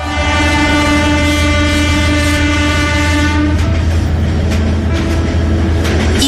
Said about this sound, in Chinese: 1984年元月的一个中午，从北京开出的专列缓缓驶入深圳火车站。